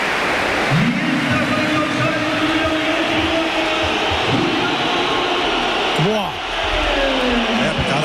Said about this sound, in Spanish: El cambio, se va a retirar el hombre del gol, se va a retirar Jonathan David. Esta es la ovación del Metropolitano.